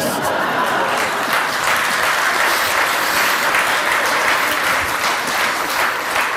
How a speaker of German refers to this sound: Da haben die Männer jetzt aber lauter geklatscht, die haben es genau gehört.